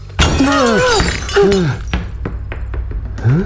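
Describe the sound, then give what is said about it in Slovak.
A window pane is broken by a football and shatters with a sharp crash, followed by a scatter of glass pieces clinking and tinkling as they fall, ending with one last bright clink. No one speaks. “Naozaj nám okno rozbila futbalová lopta?”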